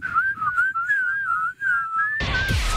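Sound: person whistling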